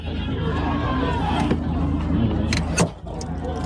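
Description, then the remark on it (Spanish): Inside an idling car, muffled crowd noise presses in from outside as a crowd swarms onto the car, scattered thumps hit the body, ending with one loud, sharp bang as the rear of the car is smashed. “Acaban de reventar el coche por atrás. Acaban de atacar el coche otra vez”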